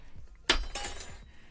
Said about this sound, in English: You pour coffee into a mug, stir it, then drop the spoon. Ka-clink, ka-clink, ka-clink, ka-clink,